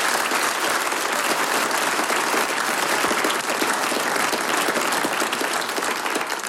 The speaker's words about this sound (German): Dir gebührt nochmal ein ganz besonderer Applaus und wir wünschen dir, dass du es ins große Finale schaffst, ins Fernsehen.